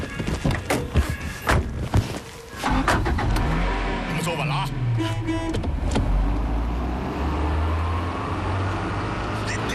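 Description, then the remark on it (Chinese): A few sharp thunks and clicks, like car doors, then an engine turns over, revs up and settles into a steady rumble as the car pulls away and drives on, driven by a commander himself on the way to a weather station. “上车吧，我来开。”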